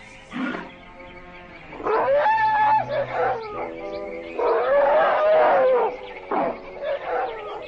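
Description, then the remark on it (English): Playful elephants bathing in water trumpet and bellow repeatedly, with loud, wavering cries rising and falling in a near-continuous stretch of calls, with no one talking. “As we leave the waters of the frisky elephants, these sacred bathing rites are seldom seen by civilized men.”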